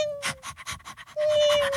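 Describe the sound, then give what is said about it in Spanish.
A pet dog pants quickly and rhythmically, short breathy bursts in a steady stream, with a thin high whine-like tone sounding at the start and again near the end. “Un perrito y una gatica.”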